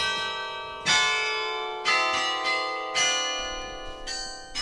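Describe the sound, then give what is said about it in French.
Carillon bells of the belfry in Bergues, near Dunkirk, France, ring out in a slow melody, each strike bright and metallic with long overlapping decay, about five tuned notes sounding clearly with no voices. “On y parle du carillon aujourd'hui”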